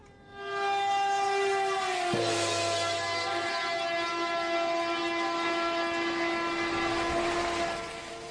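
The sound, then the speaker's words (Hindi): A loud, sustained train horn blares almost continuously for several seconds at Abu Road railway station, its tone shifting slightly partway through, with low rumbling of a train underneath. No one speaks. “तो आइए चलते हैं, हम जानते हैं railway information Abu road railway station की ओर।”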